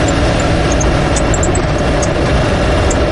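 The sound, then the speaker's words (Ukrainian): A loud, steady roar of a car racing at maximum speed on a windy day, heavy engine and road rumble continuous throughout, with faint high-pitched squeaks or rattles scattered over the top. No voices. “Попри всі ці перестороги, авто несеться на максимальній швидкості.”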